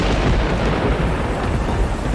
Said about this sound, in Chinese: 哇，真的下雨了， 真灵